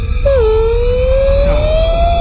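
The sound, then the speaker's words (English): A voice imitates a whale call with one long, loud, moaning note that dips briefly, then slowly glides upward in pitch for about two seconds over a low background rumble. “Didn't it sound a little orca-ish?”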